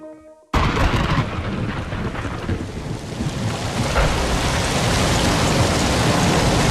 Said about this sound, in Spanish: Está lloviendo, sí, llueve en muchos puntos de España, sobre todo en Levante, y llueve, pero claro, llueve demasiado, y eso no es bueno, asusta.